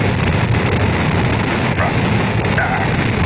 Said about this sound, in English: The engine's now building up to 7.7 million pounds of thrust. We have a launch commit and we have a liftoff. The swing arm moving back. The Saturn V lifting off the tower. Alpha pad building up thrust. We clear the tower.